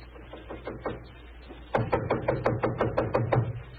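Knocking on the living room door of Holmes's lodgings: a few soft, quick raps, a brief pause, then a louder run of about nine steady, evenly paced knocks. No voices are heard.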